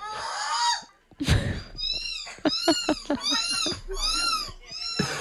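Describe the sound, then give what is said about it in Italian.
A person imitates a seagull at the sixth European championship of seagull call imitation: a drawn-out, wavering cry, then a steady run of short, high, nasal yelps repeated in quick succession, loud and with no talking. “Un campionato europeo, sesto campionato europeo di imitazione del verso del gabbiano.”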